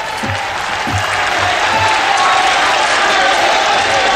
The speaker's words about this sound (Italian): E Papa Leone si prende l'applauso, l'affetto dei parigini che sono giunti lì a Notre Dame, il cuore della cristianità di Parigi.